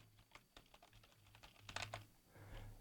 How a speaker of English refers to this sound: I'm typing into Google right now.